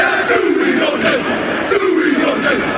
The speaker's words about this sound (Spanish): Hasta la capital vallisoletana se van a acercar los mejores equipos del mundo, entre los que están los All Blacks, conocidos por su jaca, ese grito de guerra que estamos escuchando.